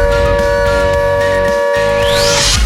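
A loud, sustained air raid siren tone holds steady throughout during an ongoing air raid alert, with a rising high-pitched sweep near the end and a busy low rumble underneath.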